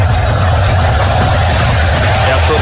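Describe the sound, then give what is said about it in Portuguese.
Heavy rain pours down during an Iraq football match at Lincoln Field, home of the Philadelphia Eagles, in Philadelphia, in a loud, unbroken wash of hiss, layered over a deep, steady rumble that never lets up. “Isso é chuva.”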